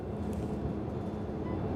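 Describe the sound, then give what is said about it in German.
A train driven by a 21-year-old trainee driver rolls along the rails with a steady low rumble, continuous and even in loudness, with no voices over it. “Der Zug hier, der hat in Bad Klein nachher einen etwas längeren Aufenthalt.”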